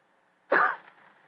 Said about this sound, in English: After a moment, he gave what he thought was a discreet cough.